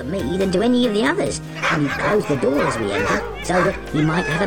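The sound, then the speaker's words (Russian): Parrots imitate a dog, letting out a run of loud barks and yips in quick irregular bursts, mixed with a speaking voice throughout. “И однажды, когда хозяева были в отъезде, попугаи спасли их дом от грабителей, начав лаять в самый ответственный момент.”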